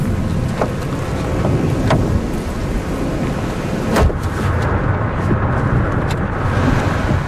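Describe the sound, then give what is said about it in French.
Thunder rolls in a loud, continuous low rumble through a thunderstorm with rain, wind and lightning, broken by a few sharp cracks and booms spaced a couple of seconds apart, with no one speaking. “Bon, on est vraiment au cœur de l'orage.”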